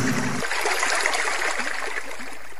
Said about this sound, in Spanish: Fue tanta y tanta el agua que entró en la cueva que se formó un enorme río dentro de ella.